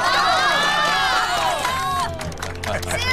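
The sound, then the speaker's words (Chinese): Wedding guests in Qingshanyu village burst into loud, steady applause mixed with cheering and shouted voices as the groom is invited to speak, a dense wash of clapping that continues throughout. “下面有请我们的新郎官讲两句，大家鼓掌欢迎。”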